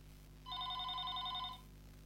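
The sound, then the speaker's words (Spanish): A single burst of an electronic telephone ring from an incoming call on a radio call-in line, a steady warbling tone lasting about a second over a low background hum, with no one speaking. “Se cayó, voy por la línea telefónica”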